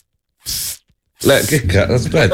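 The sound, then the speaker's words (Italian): A voice imitates a mosquito repellent aerosol spray with a short hissing burst, followed after a brief pause by a longer, louder voiced stretch mixed with breathy hiss. “Come fa lo spray?”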